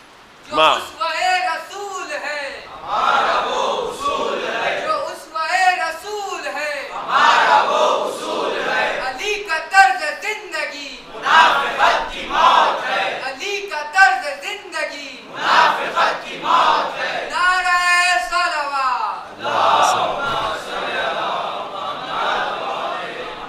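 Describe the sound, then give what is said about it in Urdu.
A large crowd chants two religious slogans about the Prophet's example (seerat) in loud, rhythmic bursts, many voices rising together in repeated call-like phrases with brief pauses between them. “یہ دونوں نعرے جو بالکل وہی سیرت والے نعرے تھے، واقعا اسوہ رسول.”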